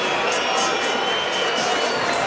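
A large stadium home crowd at Sweden's away match roars steadily in a dense, continuous wash of noise, with rhythmic surges that suggest chanting or whistling rising above the constant din.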